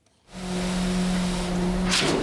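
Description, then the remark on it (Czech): A loud, steady engine rumble from construction machinery on a hot day at a Charles University building site in Czechia, with dozens of workers and a concrete pump pumping concrete onto a basement ceiling. It starts after a brief silence and holds a constant low drone, with a short hissing burst near the end. “Slyšíme rachot stavebních strojů, i v takovém horku jsou kolem nás desítky dělníků.”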